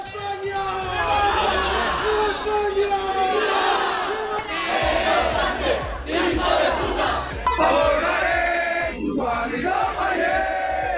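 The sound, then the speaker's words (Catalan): A large crowd, mostly very young people carrying Spanish flags, chants the fascist song Cara al Sol in unison at the end of a Hispanidad day event, voices loud and sustained with a steady marching rhythm, mixed with scattered shouts, including insults toward campers. “Amb càntics de tall feixista com és el que escolten el Cara al Sol, amb banderes d'Espanya, algunes d'elles preconstitucionals, i amb insults cap als acampats, un grup nombrós i sobretot integrat per gent molt jove va intentar accedir a les tendes”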